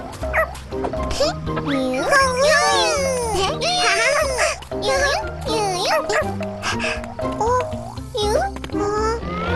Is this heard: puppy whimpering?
yes